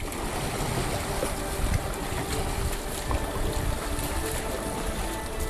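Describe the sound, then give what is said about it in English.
A dragon boat with 14 people on board pushes away from the dock, with steady water sloshing and splashing against the hull and a low rumbling wash throughout, no voices. “14 people on the boat, pushing away from the dock.”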